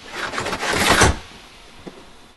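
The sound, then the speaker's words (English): A compartment door slides shut with a rising, rushing scrape that peaks and cuts off, followed by a faint single click as the blinds drop into place. No voices. “He slides it shut, then lowers the blinds. The car's other blinds drop in rapid succession.”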